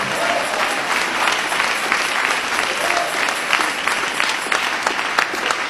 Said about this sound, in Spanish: Ese aplauso de alabanza al Señor Jesús.